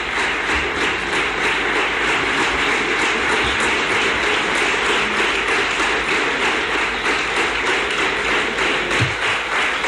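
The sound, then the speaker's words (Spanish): Long, sustained applause in a parliament chamber from the Partido Popular representatives for Juanma Moreno, the investiture candidate: a dense, steady wash of many hands clapping at an even loudness with no voices breaking through. “Pues de nuevo también largo este aplauso de los representantes de la Cámara del Partido Popular a Juanma Moreno.”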